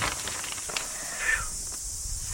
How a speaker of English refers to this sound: It's just the two cicadas are too loud.